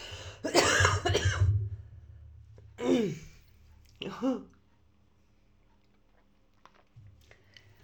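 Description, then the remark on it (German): A muffled, held-back cough bursts out near the start, followed by two shorter throaty noises like gulps of coffee, then a long stretch of near silence with faint soft clinks. “Es ist auch anstrengend, wenn ich mir hier einen Husten verdrücke. Ich nehme mal eben schnell einen Schluck Kaffee.”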